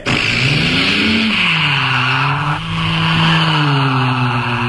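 A Trabant's engine revs loudly and steadily as the car pulls away, its pitch rising and dipping, with a continuous hiss of tires skidding underneath and no voices.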